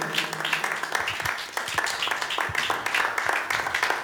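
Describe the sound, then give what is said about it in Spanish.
A church audience claps at the preacher's call during a sermon, many hands making a dense, continuous patter of sharp slaps, with a few louder individual claps standing out and a faint voice underneath. “Amén, hermanos, démosle palmas.”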